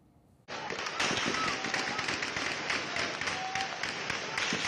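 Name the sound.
heavy gunfire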